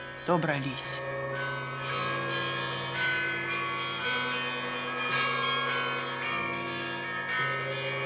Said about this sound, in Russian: Звонят колокола Знаменской церкви Иркутска.